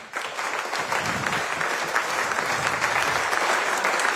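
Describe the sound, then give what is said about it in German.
A crowd claps steadily in applause for teachers, dense, sustained applause filling the whole clip at an even, fairly loud level, with no voices standing out. “Einmal Applaus für unsere Lehrer.”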